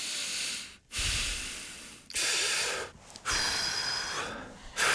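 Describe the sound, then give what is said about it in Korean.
Three slow, deep breaths, each a long airy inhale and exhale with brief pauses between them, breathy and steady, with no talking. “좀 누르고, 누르고, 쉬모 세 번만 해보겠습니다.”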